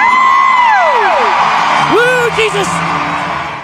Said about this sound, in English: I mean, how can you not cheer for Jesus? Come on. That's an easy cheer.